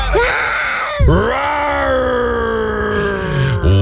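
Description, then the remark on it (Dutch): A person imitates a lion's roar, one of several roars sent in to a radio show, with long, loud, strained vocal bellows, two drawn-out growling roars with a brief break between them and a swell at the end. “Ja, dit zijn een paar brullen die binnen zijn gekomen.”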